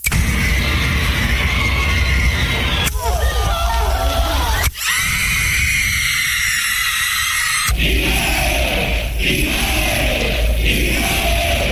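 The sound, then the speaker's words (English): A loud, dense crowd roar with shouts and screams played from a sound-effects record meant to replace a screaming teenage audience, cutting abruptly between several different sections of noise, one briefly dominated by a harsher, engine-like rush. “Whoops, wrong crowd.”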